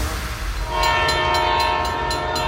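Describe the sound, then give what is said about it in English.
The Ontario Northland Northlander passenger train rumbles past, and partway through its horn blares in a long, steady tone while rhythmic wheel clacks tick along underneath. “Ontario Northland reminds residents that the Northlander passenger train will soon be operating in our region.”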